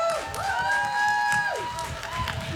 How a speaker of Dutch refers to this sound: Dus ik wil eigenlijk ook wel even een applaus voor de organisatie.